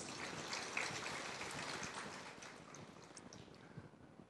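A crowd applauds to thank a lecturer for the case study presented, a dense, steady patter of many hands clapping at once that holds for several seconds and eases off slightly near the end, with no voices.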